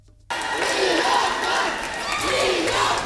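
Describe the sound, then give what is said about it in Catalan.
A large crowd in the town hall square of Sant Vicent del Raspeig erupts into loud, sustained cheering and shouting as the winning fogueres are announced, after a brief quiet start, with many overlapping voices and rising excited yells throughout. “Moments d'eufòria a la plaça de l'Ajuntament de Sant Vicent del Raspeig.”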